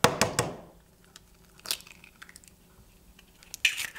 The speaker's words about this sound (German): Aber jetzt erst einmal weiter mit dem Kuchen. Jetzt kommen 3 Eier hinzu.